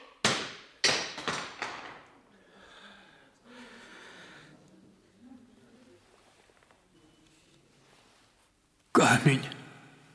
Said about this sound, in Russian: Камень разбился. Звезда раскололась пополам.